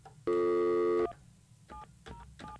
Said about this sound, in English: Let's see here. Let's see if he answers. What is it? Oh, the phone's ringing.